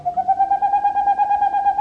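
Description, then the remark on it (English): A male boreal owl's hooting song in the darkness of a northern forest: a fast, even run of hollow staccato hoots on a single pitch, pulsing steadily and heard clearly on its own with no one talking. “In the darkness of a northern forest, the hooting of a boreal owl. This is the male owl's song.”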